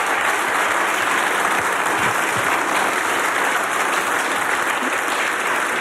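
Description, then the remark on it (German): Sustained audience applause fills the whole stretch, a dense, steady roar of many hands clapping at even loudness with no voices standing out. “Und jetzt einmal einen riesengroßen Applaus”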